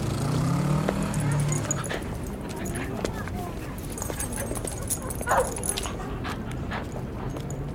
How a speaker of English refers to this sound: The West Village has the highest density of dogs in the city. Lots of the dogs are chasing birds and barking at cars.